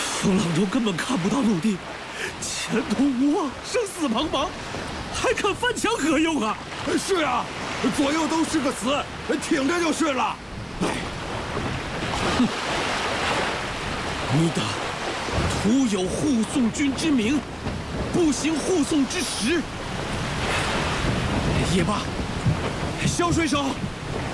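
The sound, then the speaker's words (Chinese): A constant roar of stormy wind and crashing sea waves with rain around a sailing ship with tattered sails, adrift at sea with no land in sight, with louder rumbling surges, while people's voices talk and call out throughout over the storm. “风浪中根本看不到陆地，前途无望，生死茫茫，还看翻墙何用啊？”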